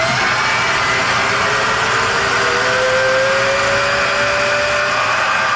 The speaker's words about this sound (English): That's the balloon filling machine that launched her business. It's a large acrylic shell and vacuum that stretch a clear balloon to the size of an auction basket.